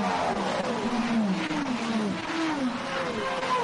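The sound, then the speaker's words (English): Racing car engines scream past one after another, their pitch rising and dropping in overlapping sweeps as each car goes by, loud and continuous over a constant roar of track noise. “The varying noises of the engines going through, absolute quality.”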